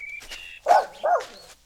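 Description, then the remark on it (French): A man's dog barks twice in quick succession, loud, each bark short and sharp, after a moment of faint high-pitched tones. “Il ramène son chien maintenant.”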